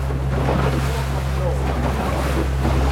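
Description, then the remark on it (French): Pacific Ocean water washes steadily around a moving boat about fifteen kilometres off the Chilean coast, near an island, a continuous hiss of waves over a low, droning engine hum, with gusty wind rumbling against the microphone throughout. “Vous êtes dans l'ambiance à peu près une quinzaine de kilomètres des côtes chiliennes sur l'océan Pacifique.”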